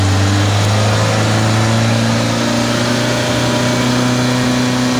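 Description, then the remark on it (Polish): A just-started car engine runs steadily while the car stands still, its low drone holding strong harmonics with slight rises in pitch as it's revved gently. No one speaks. “Rozpoznaliście dźwięk silnika, jak już uruchomiliśmy samochód?”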